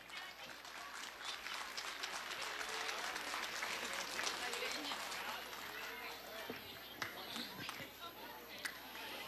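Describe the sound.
A crowd applauds steadily for several seconds at a school civic parade for Semana da Pátria, after the homage of Escola Estadual Santo Antônio, a dense crackle of many hands clapping at once, with scattered voices and cheering mixed into the ongoing noise.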